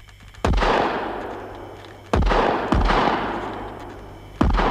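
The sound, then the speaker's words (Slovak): Four loud gunshots ring out at uneven intervals as two people shoot while approaching a forest, each a sharp crack followed by a long echoing decay, the second and third close together and the last cut short at the end. “Strieľajte obaja, blížime sa k lesu.”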